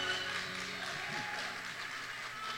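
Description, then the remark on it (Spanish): An audience applauds steadily throughout, a dense, continuous crackle of many hands clapping, with faint low tones humming beneath. “Que se escuche ese aplauso, por favor.”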